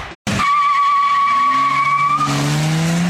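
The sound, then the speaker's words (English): A sound effect of car tires: a loud, sustained screech holds a steady high squeal for about two seconds, then gives way to a rising engine roar as a car accelerates away. “Tires?”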